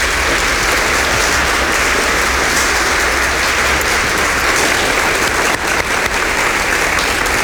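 Sustained, loud applause from a studio audience as two sisters are invited into the studio, a dense wash of clapping that holds steady for several seconds with no voices over it.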